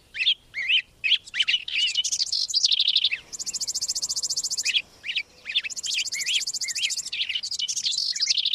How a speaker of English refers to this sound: Across the whole of April, week after week, new songbird migrants work north from the tropics, adding bit by bit to spring's ever-growing soundtrack.